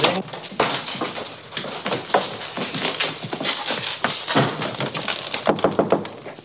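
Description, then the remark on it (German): Repeated knocking on the door of a prince's room in a castle, fairly loud, in an uneven run of sharp raps that quickens into a brisk series near the end, with no voices. “Ich klopfe bei Hoheit Zimmer.”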